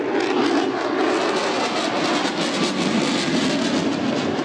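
An F-35 fighter jet roars overhead at the Bindle Beach air show in a loud, steady, rushing wall of engine noise that barely changes in pitch for several seconds, with no voices.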